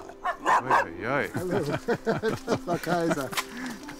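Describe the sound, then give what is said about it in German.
Three dogs, Lilly, Lola and Lupi, bark and yip excitedly in a quick, overlapping burst, greeting visitors at a manor house in Planquerie, with higher whining yelps mixed in as voices talk underneath. “Mit den Hunden Lilly, Lola und Lupi und mit Ehemann, selbstverständlich.”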